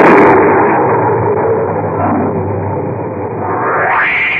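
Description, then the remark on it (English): A tremendous thunderclap bursts with a sharp crack, then rolls on as a loud, deep, steady rumble for several seconds, swelling slightly again near the end. No voices are heard. “Just then, there was a tremendous thunderclap, and the electric lights failed.”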